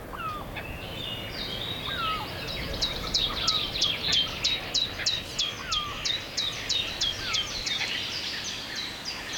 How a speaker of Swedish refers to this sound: Gransångare. Ja, se där. Se där. Festa. Äntligen tänkte jag säga. Ja. Skönt med lite fågelsång och inte bara skränande.